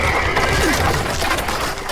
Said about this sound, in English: Watch out! There's a horse!